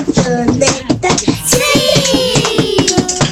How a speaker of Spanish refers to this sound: Con aplausos.